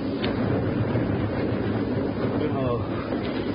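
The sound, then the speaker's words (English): A yacht pitching and rolling its way into the open sea, with a steady roar of wind and rushing water washing around the hull, loud and constant throughout, a faint creak rising near the end. “There was something to think about when the darkened hold of the yacht Chaucer pitched and rolled her way into the open sea.”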